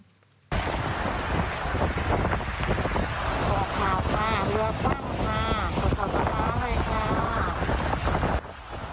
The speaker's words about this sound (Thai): คุณผู้ชมครับนี่เป็นภาพขณะที่มีฝนตกลงมาอย่างหนักนะครับและคลื่นลมทะเลที่ค่อนข้างแรงอยู่กลางทะเลที่ชายหาดจอมเทียนอำเภอบางละมุงจังหวัดชลบุรีครับ